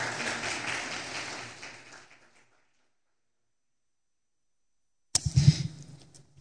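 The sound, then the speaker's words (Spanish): An audience applauds the Lord during a sermon in a dense, steady burst of many clapping hands that fades out, then after a silent gap a second loud wave of applause starts abruptly with some low thumps. “Otro aplauso poderoso al Señor, por favor.”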